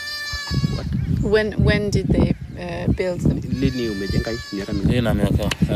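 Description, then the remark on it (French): Sheep bleat repeatedly in a noisy chorus in a fenced livestock enclosure modelled on traditional Maasai bomas, where cows and sheep spend the night. The overlapping, wavering cries from several animals are loud and continuous throughout. “Inspiré des bomas Maasai traditionnels, celui-ci est plus haut et le grillage empêche les prédateurs comme les hyènes de passer sous les branches pour atteindre les vaches et moutons qui passent la nuit dans l'enclos.”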